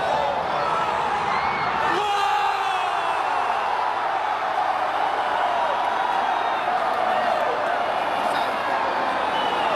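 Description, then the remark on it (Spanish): A large crowd roars and shouts a war cry together in a sustained, dense wall of voices, loud and continuous for the whole stretch, like fans bellowing a group chant. “Grito de guerra.”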